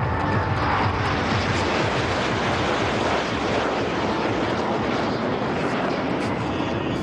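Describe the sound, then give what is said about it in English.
A loud, continuous roar of jet engines as the Indian Air Force's Surya Kiran aerobatic team flies past over the temple town of Somnath, a dense rushing rumble that holds steady for several seconds with no voices. “The spiritual atmosphere at Somnath was followed by a display of military power as the Indian Air Force's Surya Kiran aerobatic team carried out a flypast over the temple town.”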